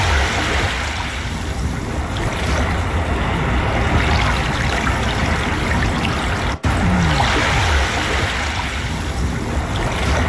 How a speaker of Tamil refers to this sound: கடல் அலை சத்தம், இது எப்போதுமே நமக்கு ஒரு பெரிய மன நிறைவை, மன அமைதியை கொடுக்கும்.